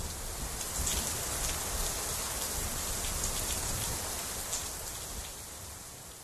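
Steady rain pours down for several seconds, with many small raindrops pattering and ticking against a surface in a dense, even hiss, moderately loud, with no voices.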